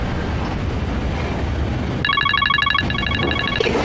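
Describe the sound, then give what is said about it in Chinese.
A telephone rings with a rapid, warbling electronic trill in two bursts, starting partway through over a steady background rumble, fairly loud and high-pitched. “我接个电话。”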